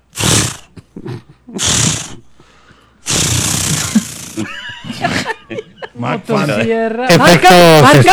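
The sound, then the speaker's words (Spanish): A voice imitates a chainsaw trying to start: a few short breathy sputters, then a long rough growling roar, ending in a loud revving buzz, with some laughter mixed in. “No, pero estaba sonando bueno el intento de encendido.”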